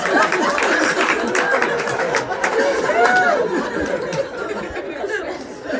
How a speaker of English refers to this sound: I just made adults clap at the thought of dumb kids dying.